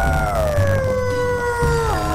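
A single dog howls in one long, steady, mournful note that slowly sinks in pitch, then lifts briefly at the end. It is fairly loud, with no talking.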